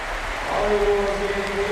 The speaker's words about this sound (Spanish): Vamos a escuchar la ovación del Poljud.